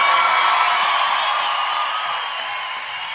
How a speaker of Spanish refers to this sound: Si ese aplauso para él, tiene que dárselo mucho más fuerte.